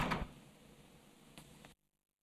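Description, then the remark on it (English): An office door in a pub opens with a clunk over a steady hum. A short moment later it shuts with a couple of clicks, and sudden silence follows. “Can you hold the fort here and we'll go in the office? Just bang on the door if it gets busy, all right?”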